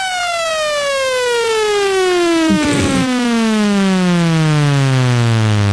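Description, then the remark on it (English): A loud, buzzy water-eject tone from a phone app slides steadily downward in pitch for about six seconds, unbroken, with a brief rough burst partway through and no talking. The tone is meant to knock water out of the phone. “And that's supposed to knock everything out of your phone.”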